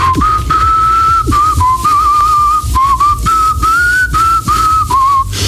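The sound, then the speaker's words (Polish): Politician Piotr Zgorzelski whistles a rock tune while shaving, the clear melody rising and dipping in short connected phrases over a low, steady background rumble, with no talking. “Polityk obiecał, że pokaże, jak gwiżdżę podczas golenia.”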